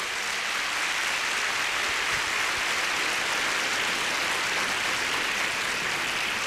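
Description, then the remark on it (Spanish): A church audience claps for the Lord during a service, a steady, dense wash of applause that holds evenly for several seconds, with no voices standing out over the clapping. “Dele palmas al Señor, hermano.”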